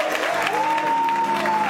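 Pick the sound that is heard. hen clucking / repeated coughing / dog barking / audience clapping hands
audience clapping hands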